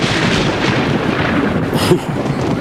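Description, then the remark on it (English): A loud, close thunderclap during a night-time storm rolls into a heavy, continuous rumble that fills the whole moment, with a sharper crack near the end before it begins to fade. No one speaks. “Can you believe that this storm is...”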